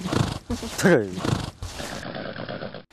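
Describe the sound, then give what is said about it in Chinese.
A horse named Xiao Hei gives a loud, agitated whinny in the middle, surrounded by restless snorting and shuffling hoof sounds as it repeatedly shakes its head and stamps during mounting training, a sign of being tired and irritated. “小黑在训练过程中频繁摆头跺脚，这是他感到疲惫烦躁的信号。”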